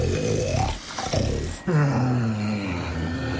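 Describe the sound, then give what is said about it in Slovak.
A deep, rumbling elephant snore: a rough, gravelly inhale, then a sudden louder, low droning exhale that holds steady to the end, with no talking. “Všetci spia. Stríčko slon.”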